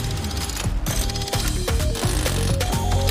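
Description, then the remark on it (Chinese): A loud mechanical ratcheting sequence with clicking gears and whirring servo-like motion, steady, with repeated rhythmic clacks as a super wrench robotic arm activates, extends and locks into place. “超能扳手机械臂启动。”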